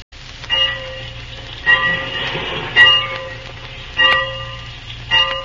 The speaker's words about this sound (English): the train's awaiting.